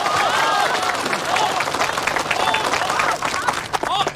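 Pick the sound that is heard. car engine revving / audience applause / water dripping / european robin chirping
audience applause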